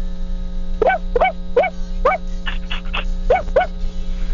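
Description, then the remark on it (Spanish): A person imitates the barking of a dog with fluffy hair: about eight short, yappy, pitched barks in quick uneven bursts, fairly loud over a steady electrical hum. “A ver, última vez, perro con pelo esponjoso.”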